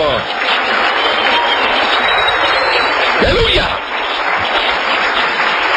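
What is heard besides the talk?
audience applauding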